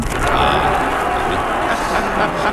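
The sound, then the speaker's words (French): A large crowd in Montréal applauds Charles de Gaulle speaking from the balcony of the Hôtel Windsor, a dense, steady wash of clapping with a murmur of voices, holding an even loudness for a couple of seconds. “Et la foule qui applaudit.”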